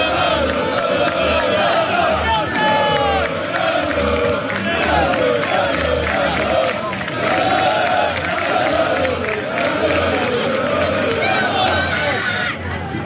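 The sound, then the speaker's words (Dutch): A dense, loud crowd of football fans around the team bus, with the players standing on the bus and interacting with them, chanting and shouting together, voices overlapping continuously with rhythmic surges, plus a steady low rhythmic thump underneath throughout. “En daar staan de spelers nog steeds op de bus. En er vindt veel interactie plaats.”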